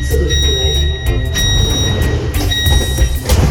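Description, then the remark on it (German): Steady electronic warning tones sound over a low, rumbling train interior as the doors slide shut, with muffled voices murmuring in the background. “Bitte rücken Sie enger zusammen, damit sich die Türen schließen.”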